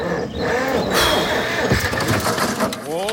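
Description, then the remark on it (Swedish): A loud engine, apparently a tractor's, cranks and turns over, its rough mechanical rumble steadying, then rising in pitch as it revs near the end. “Kramp har marknadens bästa sortiment till traktorer. Så snart är du startklar igen.”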